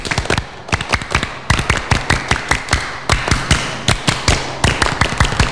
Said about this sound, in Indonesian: Kali tepuk pramuka.